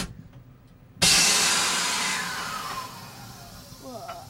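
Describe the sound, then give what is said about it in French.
A train's emergency brakes engage when the big red button that applies all the brakes is pressed. A sudden loud burst of hissing air starts abruptly and slowly fades over several seconds, with a faint voice near the end. “Et alors là, tu as appuyé sur ce fameux gros bouton rouge qui actionne tous les freins.”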